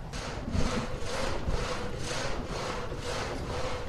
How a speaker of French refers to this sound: Là, on voit que j'ai mis en route la turbine qui elle-même a mis en route notre scie alternative qu'on appelle un châssis dans le Haut-Jura,